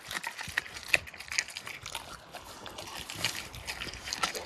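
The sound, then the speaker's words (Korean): A dog chews raw chicken, bones and all, with wet, crunchy bites and irregular cracks of bone. It continues steadily for several seconds with no voices. “뼈째 씹어먹는 생닭 ASMR.”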